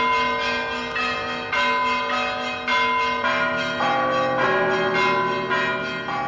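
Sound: church bells ringing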